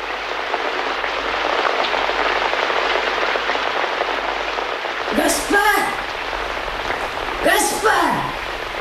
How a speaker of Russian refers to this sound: Да закрой дверь, Кадрус. Дождь хлещет в комнату.